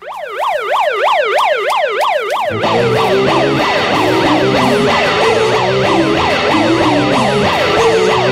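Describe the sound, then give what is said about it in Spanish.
A loud alarm siren wails in fast, repeating rising-and-falling sweeps, opening an NPR Music Tiny Desk Concert; after a couple of seconds more overlapping siren tones and a low rumble join in, thickening the sound. “Y así, con este sonido de alarma, empiezan los Tiny Desk Concerts, los famosos hechos por NPR Music.”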